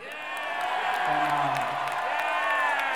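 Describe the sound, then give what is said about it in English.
A crowd cheers and whoops loudly for about three seconds, many voices overlapping in a sustained roar with scattered claps mixed in. “Yeah! The crowd's with me, all right.”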